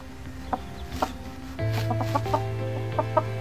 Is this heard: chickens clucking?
yes